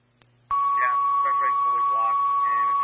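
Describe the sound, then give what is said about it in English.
A fire dispatch alert tone for a fall call to Elk Creek Fire cuts in abruptly and holds one steady, piercing high pitch to the end, loud over a faint hum, while a voice keeps talking underneath it. “Sorry, step back for tones on a fall.”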